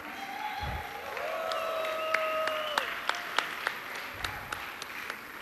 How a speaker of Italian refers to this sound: E nell'ambito di questo progetto sono state selezionate 9 performer, 2 stasera qua sul palco, una c'è appena stata, una ci salirà fra poco, e altri 7 qua nel pubblico, per cui farei un applauso alle artiste di Exequa.